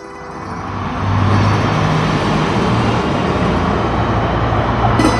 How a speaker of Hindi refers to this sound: अरे ये इतनी सारी लग्जरी गाड़ियां एक साथ, और पीछे मीडिया की गाड़ियां भी हैं। क्या हो क्या रहा है ये?